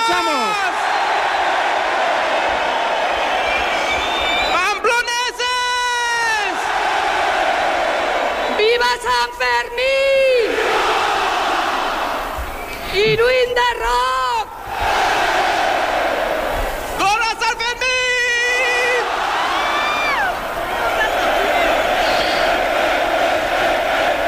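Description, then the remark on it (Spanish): A dense crowd in the Plaza del Ayuntamiento in Pamplona roars and chants continuously at noon on 6 July, awaiting the chupinazo that opens the San Fermín festival, with bursts of loud, rising whoops and shouted cries swelling repeatedly above the steady wall of voices. “Sonido en directo desde la plaza del Ayuntamiento de Pamplona.”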